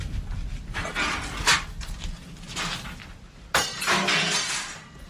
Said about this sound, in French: Donc ce sont deux grosses boules qui pèsent assez lourdes, hein. Ça ressemble un petit peu à un halter de musculation qu'on va venir tourner, et ça va permettre d'actionner le mécanisme et de venir couper hein, la matière que je souhaite prélever.